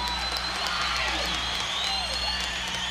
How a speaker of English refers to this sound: Ladies and gentlemen, can we have a big round of applause for the …?